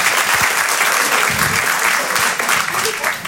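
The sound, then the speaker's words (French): An audience claps loudly and steadily throughout, a dense wash of many hands with no pauses and no one speaking over it. “Il m'a applaudi, j'ai mis une coloscopie, bravo, bravo.”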